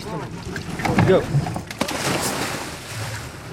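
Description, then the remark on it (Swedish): A motorboat at sea in the Kattegat, northwest of Höganäs, carrying divers who retrieve lost fishing nets, with steady wind from a light breeze and the wash of waves about half a metre high against the hull filling the scene, and some brief muffled voices early on. “Per Normark och hans två kollegor hoppar i från aktern av en motorbåt vid 35 meters djup”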